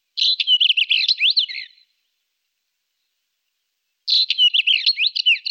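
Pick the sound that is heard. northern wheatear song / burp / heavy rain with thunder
northern wheatear song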